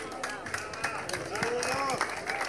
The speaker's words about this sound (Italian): Un applauso per Aria, che vince il premio Parata Eleganza, edizione numero della 40ª edizione delle vele d'epoca Imperia.